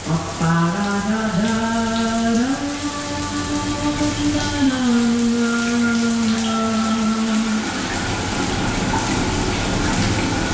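A shower tap runs with a steady rushing hiss throughout, joined for the first seven seconds by a humming pipe whine that steps up and down in pitch before dropping away.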